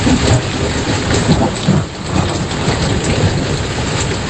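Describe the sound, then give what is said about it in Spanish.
Heavy rain pours steadily and loudly, a dense hiss from start to finish, with deep rolls of thunder rumbling underneath during a thunderstorm in Galicia, Spain. No voices. “Hasta mediodía Meteo Galicia tiene encendido aviso amarillo por tormentas que pueden ser localmente fuertes en cualquier punto de Galicia.”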